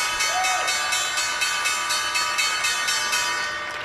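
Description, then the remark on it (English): The opening bell on Wall Street, an electric bell marking the start of trading, rings loudly and continuously, its bright metallic clang pulsing in a fast, steady rhythm for several seconds with no voices over it. “Right, we are about a second or two away from the opening bell on Wall Street.”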